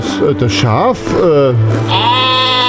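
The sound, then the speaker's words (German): A sheep bleats in a few wavering, quavering cries that run together, ending on a long steady note, loud with a low hum underneath. “Wo ist das Schaf?”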